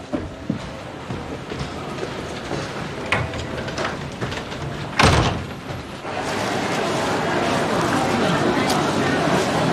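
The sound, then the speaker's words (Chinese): A door shuts with a single solid thud about halfway through, set against steady background hiss and a faint murmur of voices. “改成150页以内的，关门。”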